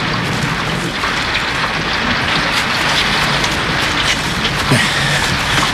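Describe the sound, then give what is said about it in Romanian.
Steady rain falls heavily, a dense continuous hiss with scattered drops pattering on surfaces throughout, no voices present. “Lăsați-l pe domn profesor, că lui îi place în ploaie.”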